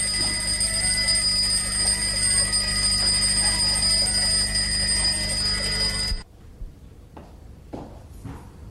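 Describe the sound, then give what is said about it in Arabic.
A large alarm clock, always set for seven o'clock, rings loudly and continuously for about six seconds with a harsh metallic jangle, then cuts off abruptly, leaving a few faint clicks and knocks in near silence. “وصف لي منبه كبير مربوط دايما على الساعة سبعة.”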